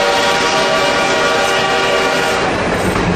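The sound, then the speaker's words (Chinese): A steam locomotive on the Hangzhou–Jiaxing railway, on the line's opening day in 1909, rumbles loudly and steadily in a dense, continuous roar with a sustained whistle-like tone running through it. No voices are heard. “此刻，不知蒸汽机车的轰鸣给这个男孩带来了多大的震撼。”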